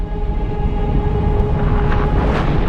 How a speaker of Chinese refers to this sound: 小行星的撞击点位于今天的墨西哥近海地区，星体深深地砸入地壳，引发了超大规模的海啸和爆炸。方圆约1600公里内的所有陆地生物瞬间化为灰烬。